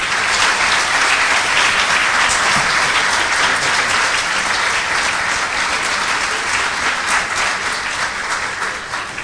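Sustained applause from the audience at the Teatro Solís, a dense, steady wash of clapping that stays loud for about nine seconds and tapers only slightly at the end, with no voices standing out.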